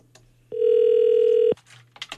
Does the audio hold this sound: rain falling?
no